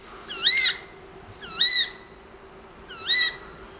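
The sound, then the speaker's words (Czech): Three drawn-out, mewing calls from young birds sitting in a tree, mimicking a cat's meowing, each rising then falling in a meow-like whine, spaced about a second apart over a faint steady background hum. “A pak jsme viděli ty roztomilé opeřené kuličky, které seděly na stromě a mňoukaly. Opravdu přísahám, mláďata mňoukala.”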